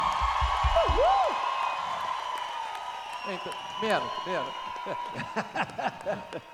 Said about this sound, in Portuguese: Muitas palmas para o nosso diretor, Ricardo Figali!